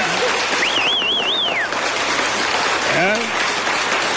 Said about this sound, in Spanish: Y aplausos. Recíbanlo como se merece